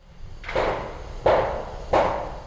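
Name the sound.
construction site noise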